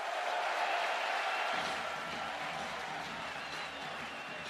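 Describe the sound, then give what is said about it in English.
A large baseball stadium crowd cheers and claps in a steady, dense roar that fills the whole stretch, swelling slightly partway through, with a faint murmur of voices mixed into the noise. “It's going to be a quick talking to, but the crowd getting into it.”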